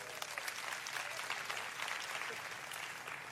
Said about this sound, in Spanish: Vente por acá, denle un buen aplauso a ellos.